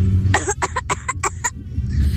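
A child coughs in a quick burst of about six short, sharp coughs, with a low rumble of background noise before and after.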